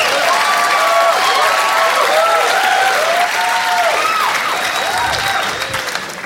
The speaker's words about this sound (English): You don't have to clap every time I take a drink.